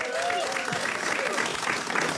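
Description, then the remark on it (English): An audience claps steadily as a guest is introduced before a game, a dense, even patter of many hands at a constant loudness, with a few faint voices and cheers mixed into the applause. “Please give it up”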